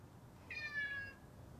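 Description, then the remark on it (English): A single meow from a cat sitting on a kitchen windowsill above the sink, clear and lasting about half a second with a slightly falling pitch, heard alone over a faint low background rumble. “She walks into the kitchen to find a cat sitting on a windowsill above the sink.”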